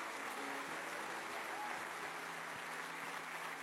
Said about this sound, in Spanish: Fuerte el aplauso al Señor Jesucristo hoy. ¡Aleluya!